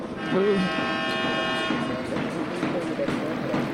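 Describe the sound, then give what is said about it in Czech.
An ice hockey siren ending the second period of a Champions League game in which Liberec leads Danish side Herning 1-0 blares as a loud, steady, buzzy horn tone for about two seconds, then cuts off, leaving the roar of a crowd and a voice talking. “A tak se slyšeli závěrečnou sirénu, Liberec vede nad dánským Herningem v lize mistrů i po dvou třetinách 1-0.”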